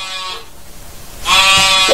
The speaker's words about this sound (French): Souvent, il s'arrête, il tend l'oreille, il écoute. Oh! Je crois bien que j'entends quelque chose. Il avance. Mais oui, j'entends un petit bêlement.